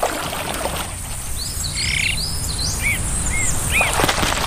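Azure-winged magpie calls: a handful of short, rising-and-falling chirps and squeaky notes, some overlapping, over a steady hiss of outdoor background noise. No one speaks.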